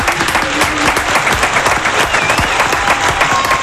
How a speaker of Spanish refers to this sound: Yo voy a poner de pie también para aplaudir a alguien que ha dedicado toda su vida a la radio. Así que me pongo de pie para aplaudir,